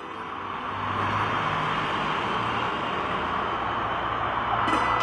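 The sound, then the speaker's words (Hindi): A steady roar of many luxury cars driving past together, with media vehicles following behind, a continuous low engine rumble that swells in after a moment and holds without a break. No one speaks. “अरे ये इतनी सारी लग्जरी गाड़ियां एक साथ, और पीछे मीडिया की गाड़ियां भी हैं।”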